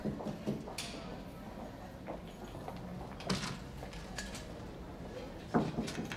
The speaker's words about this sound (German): Wissen Sie, woran ich Sie erkenne, Weiß? Am Klopfen. Niemand in diesem Laden geht so zaghaft zu Werke.